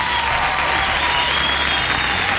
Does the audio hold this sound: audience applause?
yes